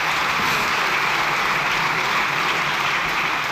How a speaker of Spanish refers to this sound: Largo aplauso.